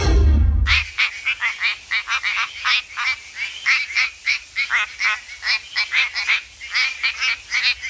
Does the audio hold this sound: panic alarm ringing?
no